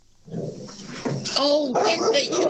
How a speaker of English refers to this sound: that sounds like a starter motor dog you've got there.